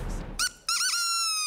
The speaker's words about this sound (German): Und manchmal geht es ganz schnell, nach dem Ertönen der Möwentröte.